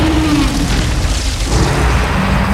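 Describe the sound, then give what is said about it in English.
A sleeping planet monster lets out a deep, rumbling roar that stays loud and steady for a few seconds, a low booming growl with no voices over it. “Resting, sleeping, it roars in its sleep.”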